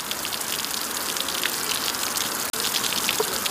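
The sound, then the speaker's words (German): Water pours steadily onto permeable concrete made of cement and coarse gravel, a continuous hiss of splashing and trickling as much of it drains straight through, with no voices, broken by a split-second dropout partway through. “Und wenn Wasser auf die Oberfläche trifft, fließt ein guter Teil direkt unten wieder raus.”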